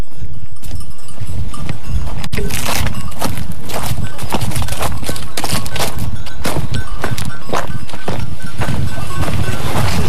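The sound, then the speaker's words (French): Sheep graze a little further down, by restored dry-stone walls and stone steps at Le Vernet in Saint-Germain-de-Calberte, with an irregular patter of hooves and shuffling over rough ground mixed with tearing and rustling, fairly loud and steady throughout with no one speaking. “On s'approche des moutons qui paissent un peu plus bas.”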